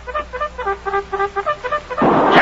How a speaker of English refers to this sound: That music is a bugle. A cavalry bugle. I don't know how it happened, Cherokee, but here comes Lieutenant Carpenter and all of his troops.